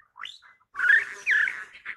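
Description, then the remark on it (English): A satin bowerbird's song of rapid, high electronic-sounding buzzes and whirring chirps, starting with a short rising call, then two dense buzzy bursts and a final warble, with no voices. “And that high-speed electronic buzzing sound, that's the exotic song of a satin bowerbird, the male shimmering black with violet-blue eyes.”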